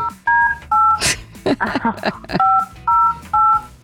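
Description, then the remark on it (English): A series of touch-tone telephone dialing beeps, paired steady tones in short bursts, three before and three after a brief stretch of talking and clatter in the middle, as hosts of the Houston radio station Houston's Eagle dial a phone call to a listener. “Let me get the devil on the phone here.”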